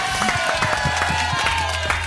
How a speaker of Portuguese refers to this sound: Uma salva de palmas para Dodô e Dentinho.